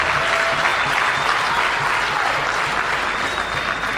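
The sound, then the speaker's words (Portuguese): A crowd at a Frelimo party gathering applauds steadily and loudly for about four seconds, a dense wash of many hands clapping with no talk over it. “Mais uma salva de palmas.”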